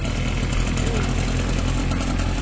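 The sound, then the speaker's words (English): After its starting cord is pulled, a small gasoline motor on a concrete sprayer at a concrete pour on a Nine Yards project in the Netherlands runs steadily, a loud, even, low throbbing drone with a rattling mechanical edge and no voices. “I pulled the starting cord so he can so the motor starts working, and he can do his thing, spray the concrete.”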